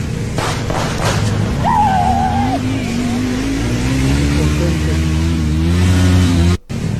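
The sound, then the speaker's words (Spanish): A motorcycle engine on Reforma Norte, in front of the Fiscalía General de la República, revs up loudly and pulls away, its pitch climbing steadily as it accelerates, with a brief cut-out near the end. “A ver, mira, ahí va la moto.”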